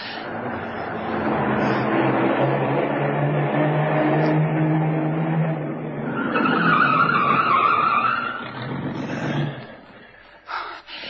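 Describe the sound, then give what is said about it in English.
A car engine roars along, then tires screech loudly as the vehicle skids to a halt, the squeal fading out into a few faint knocks and near silence. “We can hide the car in there. Good idea, kid. Drive in there and stop.”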